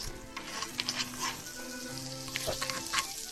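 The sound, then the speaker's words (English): Steady crackling sizzle of pancake balls frying in a pan with little wells, being flipped over as they turn golden brown on the bottom, with bright popping bursts scattered throughout and a faint low hum beneath; no one speaks. “And so now the pancake balls are getting a little bit golden brown on the bottom, so we're flipping them over. And you can hear some sizzling.”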